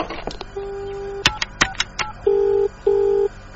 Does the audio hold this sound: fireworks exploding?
no